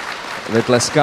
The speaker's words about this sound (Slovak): Vy tleskáte, já nevím, jestli jste rozuměli dobře.